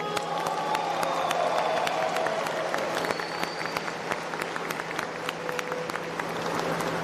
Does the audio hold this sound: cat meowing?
no